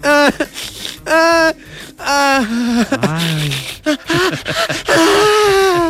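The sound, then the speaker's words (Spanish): A voice imitates a young woman crying and wailing, with loud, high, quavering sobbing wails in several long bursts separated by short gasping breaks. “Esa muchacha llorando.”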